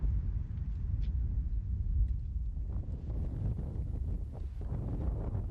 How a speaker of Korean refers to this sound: 기온은 뚝 떨어지고 바람소리 외에는 아무것도 들리지 않는 적막한 땅 한가운데 움푹 패인 분지가 드러납니다